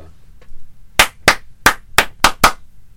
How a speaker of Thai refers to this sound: มีคนพูดขึ้นมาถึง2ชื่อด้วยกันชื่อแรกฉันจะปรบมือนะ